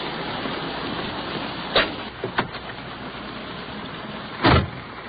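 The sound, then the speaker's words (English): Someone climbs into a police car over a steady wash of rain noise on a wet, slushy day: a few handle clicks and rattles mid-clip, then a solid door thump near the end. No one speaks. “Let's hustle on back to our police car.”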